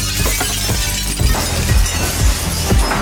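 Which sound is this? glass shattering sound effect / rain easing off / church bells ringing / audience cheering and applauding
glass shattering sound effect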